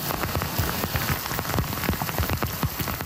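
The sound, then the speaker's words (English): Heavy rain pours down in Montreal's West Island in a dense, steady hiss, with countless drops pattering hard on surfaces, an unrelenting downpour turning roads into flowing rivers, with as much as 170 millimeters falling in a few hours. It stays loud and unbroken throughout, and no voices are present. “In Montreal's West Island, an unrelenting downpour quickly turned roads into flowing rivers.”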